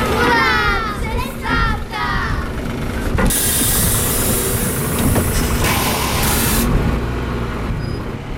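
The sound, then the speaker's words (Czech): Outdoor ambience at the final bus stop in Hrčava, 605 metres above sea level, with children's voices chattering and calling, a vehicle engine rumbling underneath, and a sharp hiss of air brakes releasing midway. “Hrčava, 605 metrů nad mořem, konečná zastávka autobusu.”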